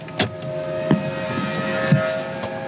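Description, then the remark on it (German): A truck loads construction rubble into a container outside a historic factory hall: a steady hydraulic engine hum with four dull clunks and knocks spaced about a second apart, no one talking. “Ein Laster lädt gerade einen Container mit Bauschutt auf.”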